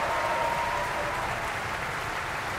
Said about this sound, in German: Und jetzt auch nochmal viel Applaus für Klaus-Florian Vogt, den Siegfried heute Abend hier in der Götterdämmerung in Bayreuth.